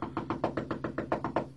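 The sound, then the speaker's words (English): A rapid, steady run of about ten firm knocks on a door, evenly spaced, with no voices. “Knock louder. She's in there somewhere.”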